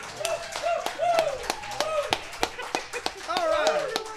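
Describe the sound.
Audience applause with sharp, scattered claps rising and falling over a few seconds, mixed with voices calling and cheering in the background.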